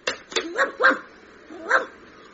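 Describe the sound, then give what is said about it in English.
A stray dog in a phone box lets out three short, high, yelping barks in an uneven rhythm, clear and fairly loud, after a couple of sharp knocking sounds at the start. “Hang on, look, there's a stray dog in the phone box.”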